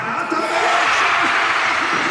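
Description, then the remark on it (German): A loud, sustained roar of a crowd watching in the Walserfeldhalle, cheering after Marco Arnautovic scores a penalty in stoppage time for a 3:1 lead for Austria. A dense wash of many voices holds steady throughout, with scattered individual shouts poking through. “Ja, wir hören es in der Walserfeldhalle. Der große Jubel, Marco Arnautovic mit dem 3:1 für Österreich in der, ich glaube, es war jetzt mittlerweile schon die 12.”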